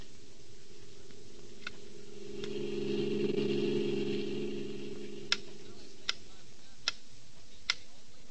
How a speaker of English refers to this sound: I listened to the sound in a music shop, and that was it. A metronome, a small, precise time-interval measuring instrument that most pianists use.